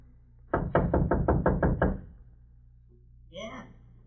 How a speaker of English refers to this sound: Go on, knock.